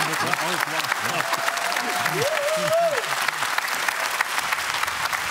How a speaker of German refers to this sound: Guck mal, jeder Applaus tut doch gut, oder? Ist das doch immer schön.